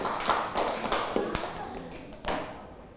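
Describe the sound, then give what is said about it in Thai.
A group of students clapping for themselves at their teacher's prompt during a lesson, a steady burst of sharp overlapping claps that fills the whole few seconds at moderate loudness, with some voices faintly underneath. “นักเรียนเก่งมากปรบมือดังๆให้ตัวเองด้วยนะคะ”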